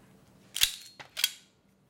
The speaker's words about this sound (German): Jetzt wäre der Schuss gekommen. Wäre.